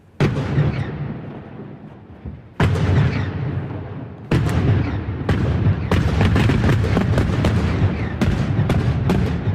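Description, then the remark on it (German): Heavy blasting booms go off one after another, three big bangs spaced a couple of seconds apart, then a rapid, crackling volley of blasts over a continuous low rumble, from blasting on a rock face above Lake Uri at the Axen, between the cantons of Uri and Schwyz, at the construction start of the Murschacher tunnel for the new Axen road. No one speaks. “So tönt es heute Vormittag an einem Felsen über dem Urnersee, am Achsen zwischen den Kantonen Uri und Schweiz.”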